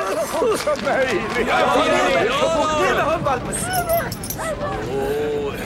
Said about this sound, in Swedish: Titta, där är hundvalpen också! Strax efter var Jesper också där med hundvalpen i famnen.